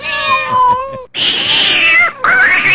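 A cat meows loudly and insistently in a few drawn-out, wavering cries, the first tonal and sustained, the later ones harsher and more strained, with no talking.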